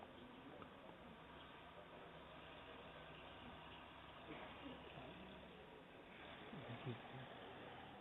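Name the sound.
tractor engine idling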